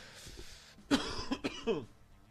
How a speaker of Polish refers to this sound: Kaszel od ruskich fajek.